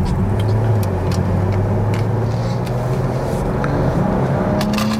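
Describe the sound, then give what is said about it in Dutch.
A BMW 4 Series Gran Coupé engine hums steadily from inside the cabin with loud road rumble, its pitch edging upward near the end as the car picks up speed. No one speaks. “Ah, luister, maar die motor is echt wel lekker hoor.”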